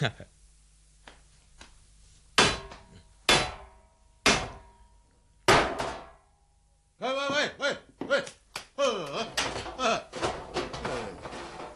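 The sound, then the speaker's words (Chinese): Four loud, sharp knocks of a stone striking the door of a death-row prison, spaced about a second apart, followed by a voice talking animatedly. “用石头敲门做咩啊？”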